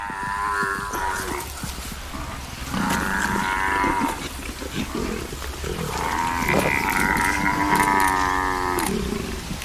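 Young African buffalo calves, attacked by lions trying to suffocate them, bellow in distress in long, harmonic, moaning cries, rising and falling in repeated bursts, with low grunts and growling underneath the calls.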